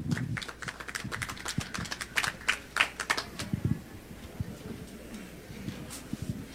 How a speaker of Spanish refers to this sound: Bien fuerte, por favor, los aplausos.